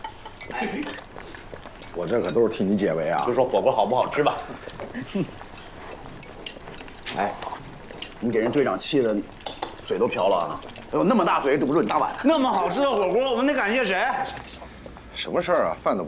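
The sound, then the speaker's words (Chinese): Utensils and dishes clink in scattered, sharp taps throughout a busy hotpot meal, beneath people talking over one another. “就说火锅好不好吃吧。”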